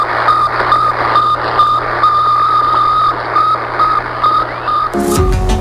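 The radio signal of Sputnik 1, the first artificial satellite, a small 84-kilogram sphere orbiting Earth every 98 minutes, beeps steadily: a string of short mid-pitched tones in regular rhythm over a constant hiss and low hum, then a burst of noisier sound cuts in at the end.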